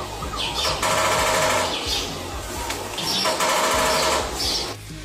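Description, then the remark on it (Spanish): A woodpecker pecks rapidly in Mexico, in fast, machine-like bursts of tapping that start and stop over a noisy outdoor background, fairly loud, with no one speaking. “Bueno, menos mal, era un pajarito carpintero haciendo de las suyas, dando picotazos.”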